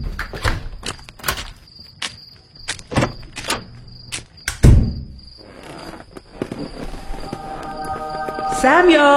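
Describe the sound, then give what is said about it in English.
A door is shut and locked with a solid thud amid several sharp clicks and knocks, while crickets trill steadily in the background and a faint voice murmurs near the end. “And I'm going to lock my door this time.”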